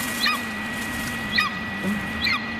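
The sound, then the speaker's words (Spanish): A golden eagle calls three times, each a short, high, thin yelp sliding downward, spaced about a second apart over a steady low hum. “Es un águila. Águila real. Es una águila real.”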